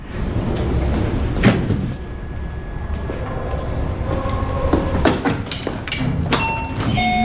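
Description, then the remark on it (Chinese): A door is opened with a few sharp clunks and rattles over a steady low rumble and faint ringing metallic tones; no one speaks. “妈，你怎么来了？ 开门。”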